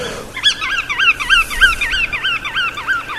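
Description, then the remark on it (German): A resting flock of sandpipers and other waders at Geiseltalsee calls continuously, overlapping rapid, high wavering whistles and chatter from many birds, with no voices present. “dadurch den Strandläufern und den sogenannten Wartvögeln Rastplatz.”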